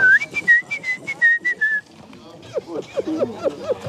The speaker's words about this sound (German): Als die Konzentration nachlässt, kommen die Ticks zurück. Pfeifen und Geräusche, die mich an ein Meerschweinchen erinnern.